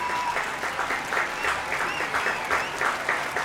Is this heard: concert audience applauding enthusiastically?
yes